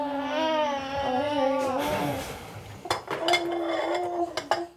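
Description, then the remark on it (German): Dishes and cutlery clatter and clink in a small fitted kitchen during the washing-up, in a run of sharp, irregular knocks, following a stretch of an infant's wavering cry at the start. “Überall stapelt sich Geschirr, auf dem Herd blubbert eine Fertigpastasoße vor sich hin.”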